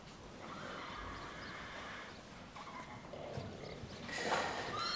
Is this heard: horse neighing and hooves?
yes